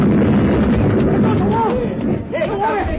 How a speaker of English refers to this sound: We ran, the three of us, and behind was the mad old man with his charge of dynamite. We reached the mermaid gallery when it went off.